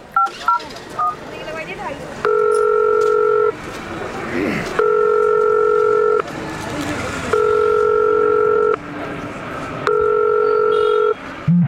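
A few quick keypad beeps as a phone number is dialed to call a friend and check whether he has arrived, then four long, steady ringing tones in a regular on-off pattern over a low rumbling background.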